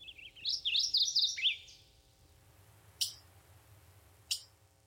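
A chickadee gives a quick run of high, buzzy calls lasting about a second and a half, then two sharp single chips after a pause, over a low, steady background hum.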